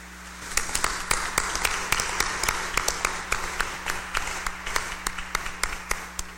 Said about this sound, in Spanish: Para ella, reconocimiento y un aplauso de felicitación.